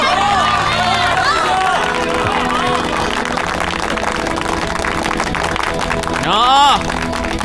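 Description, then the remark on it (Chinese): A crowd bursts into sustained applause and cheering to welcome a hero who single-handedly shot down a Japanese aircraft with a machine gun, dense clapping filling the whole stretch with voices shouting and whooping throughout, one rising cheer standing out near the end. “他是我们心中的大英雄，中国人的大英雄，我们要用热烈的掌声欢迎大英雄。”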